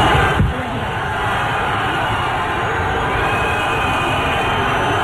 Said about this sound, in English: Just so you know, in Spain and in Europe, that kind of whistling is like booing.